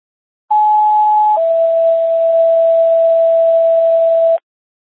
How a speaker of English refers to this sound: Dispatch Station 1, how do you copy non-emergency tones?